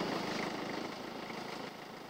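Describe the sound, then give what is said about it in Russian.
A tractor engine drones steadily as the tractor approaches, a continuous rough mechanical rumble with no voices, easing only slightly in loudness over the couple of seconds. “Вот уже трактор подъезжает”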